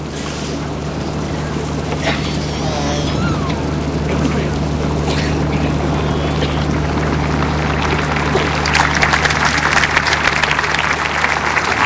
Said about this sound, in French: Les pèlerins qui applaudissent ce discours du pape Léon XIV, une ode à la Vierge Marie